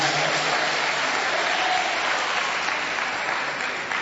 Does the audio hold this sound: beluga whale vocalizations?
no